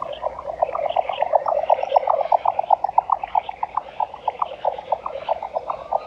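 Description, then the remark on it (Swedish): A jack snipe calls with a rapid, steady train of hollow knocking pulses, like muffled galloping hoofbeats, continuing throughout against a soft background hiss, heard during a birdsong night survey. “Och jag vill lyfta några sådana exklusiviteter nu från förra lördagen. En sådan var dvärgbeckasinen.”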